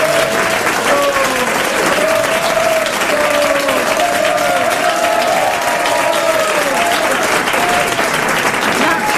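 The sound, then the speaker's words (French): Sustained audience applause for a correct answer in a quiz, a dense steady clatter of many hands clapping at even loudness for several seconds, with faint voices and cheers mixed into the noise. “N'applaudissez pas autant quand je donne une bonne réponse, parce qu'on pourrait croire que je n'en donne jamais.”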